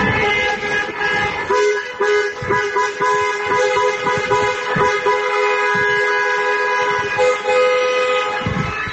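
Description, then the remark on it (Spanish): Many car horns honk continuously and overlapping in a vehicle procession celebrating a championship win, from the Cerro to Paseo San Gregorio, with an open-top bus and scarves waving from windows; a dense chorus of sustained toots and blasts fills the street, with traffic rumble underneath and no voices standing out. “Y una vez finalizado el partido, procesión de vehículos desde el Cerro hasta el Paseo San Gregorio, una rúa, un autobús descapotable, bufandas ondeando el aire por las ventanillas y desde luego la esperable banda sonora.”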